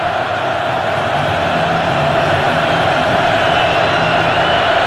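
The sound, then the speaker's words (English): A loud, steady roar from a big stadium crowd of Mountaineer fans at a West Virginia American football game, as the team goes for it on fourth down, fills the whole stretch: a dense wash of cheering voices that holds at a constant level without breaks and with no single voice standing out. “And here comes the crowd.”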